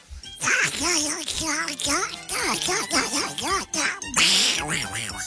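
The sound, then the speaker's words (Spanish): A voice does a buzzy, squawking Donald Duck impression, requested as a message for a child going to school, talking continuously in garbled, quacking bursts for several seconds, loud. “¿Me regalas un mugre chiquillo para mi hijo Leonel que vamos al colegio con la voz del pato Donald, por fa?”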